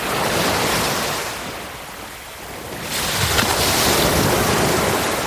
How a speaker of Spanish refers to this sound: Olas rompiendo sobre las piedras, gaviotas, un viento suave y de fondo conversaciones lejanas de familias. El sonido característico de las piedras chocando unas con otras cuando retrocede la ola.